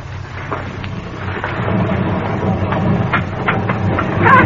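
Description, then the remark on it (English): A heavy, continuous low rumble of boulders hurled down a hill from High Rock by a pirate, with scattered sharper cracks and thuds breaking through and the roar swelling louder toward the end. “he's hurling those boulders down the hill straight for us.”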